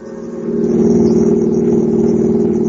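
A car engine hums steadily, swelling over the first half-second into a sustained, even drone with a low rumbling undertone, no voices present. A father drives home from the supermarket with his daughter in the front seat.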